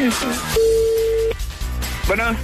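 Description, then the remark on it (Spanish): A single steady electronic telephone ringing tone of an outgoing call being placed, sounding for under a second, clear, with people talking just before and after it. “Tu llamada está haciendo... Te está marcando para reclamarte.”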